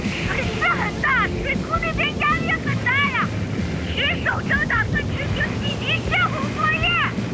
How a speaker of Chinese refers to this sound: 水很大，水库那边压力很大呀，水手正打算执行紧急泄洪作业。